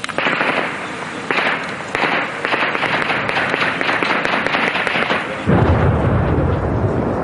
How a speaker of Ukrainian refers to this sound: То російські снаряди лягають і розриваються за 100-200 метрів від нас.